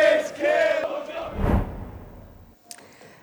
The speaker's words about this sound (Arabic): الآن نتابع هذه الصور المباشرة من العاصمة النرويجية أوسلو لاحتفالات الجماهير قبيل انطلاق مباراة بلادهم ضد إنجلترا